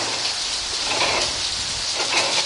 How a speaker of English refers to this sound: Listen to the sounds of the mill. Outside, there's the sound of the water from the mill race running over the wheel.